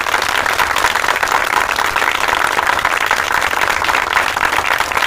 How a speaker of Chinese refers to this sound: 宣布任命决定，掌声欢迎。